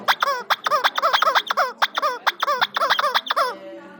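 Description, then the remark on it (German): A rubber chicken toy, one of several used as instruments for a techno piece, squeals in a rapid series of about a dozen shrill, wavering honks, loud and rhythmic, ending in one longer drawn-out squeak as the air runs out. “Und hier ist noch so eins, was besonders schön schreit.”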